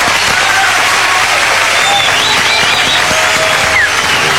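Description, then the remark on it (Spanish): Sustained, loud applause from a studio audience at the Cadena 3 Argentina studio, welcoming visiting musicians: a dense wash of many hands clapping steadily throughout with no pauses, plus a few faint whoops or cheers mixed in. “un aplauso para recibirlos.”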